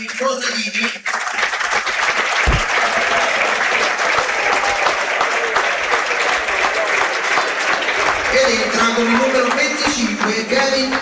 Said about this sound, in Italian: Naturalmente il cambio viene effettuato lo stesso, entra con il numero 25 Kevin Gorica ed esce con il numero 8 proprio Giovanni Corradini a prendersi l'applauso del pubblico.